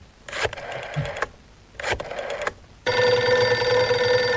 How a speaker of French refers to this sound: Ah, attendez, excusez-moi. Deux secondes. Je compose un numéro de téléphone.